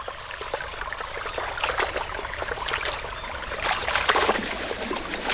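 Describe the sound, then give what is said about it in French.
Panicked fish jumping and splashing in a river because a predator, such as a pike, is about: a few sharp splashes break out over the steady rush of flowing water, bunching together toward the end. “Oula, ça s'agite dans la rivière. C'est la panique chez les poissons, on dirait. S'ils sautent comme ça, c'est qu'il y a un prédateur dans le coin.”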